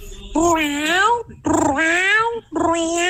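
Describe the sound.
A human voice imitates a cat in heat as a hidden talent, with three long, loud, wavering yowls, each rising and falling in pitch, with brief gaps between them.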